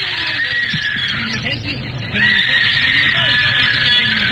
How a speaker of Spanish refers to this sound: Se oyen gritos aterrados. Dicen que hubo un apuñalamiento.